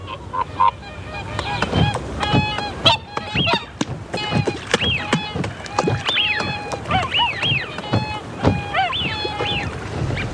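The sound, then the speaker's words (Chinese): Whooper swans born in Iceland, wintering in the Burren region of Ireland, call over and over in loud, brassy, bugling honks, several birds overlapping in an irregular chorus that keeps going without a break. “每天清晨，大天鹅都会离开湖泊边上的筑巢地外出寻觅食物。”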